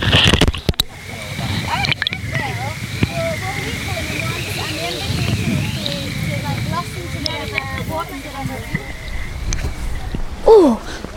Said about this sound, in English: The Rookles tumbled down. The Rookles, one of the wildest rivers in Scotland still remaining. By the point where we're all standing here, those two rivers are flowing as one.